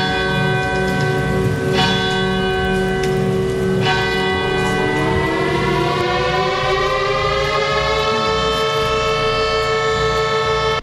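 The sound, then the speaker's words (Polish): An air raid siren wails steadily and loudly at Westerplatte, Poland, at the 4:45 commemoration of the outbreak of World War II, its tone slowly rising in pitch, while a few bell strikes ring out beneath it early on. No voices are heard. “Zawyły syreny, odśpiewano hymny, podniesiono flagę, a pamięć poległych uczczono apelem poległych i salwą armatnią.”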